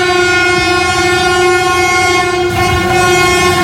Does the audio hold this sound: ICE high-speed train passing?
yes